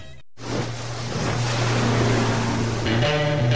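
A motorboat speeds across the water, its engine droning steadily at a low pitch beneath loud rushing splash and spray, continuous after a brief silent start.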